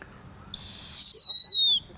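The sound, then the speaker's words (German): A bird chick gives one long, high-pitched peep lasting over a second, steady and shrill before sliding slightly downward at the end, over a faint low background hum. The chick peeps while holding a mouse in its beak. “Guck mal, kann sogar noch piepen, obwohl er eine Maus in Schnabel hat.”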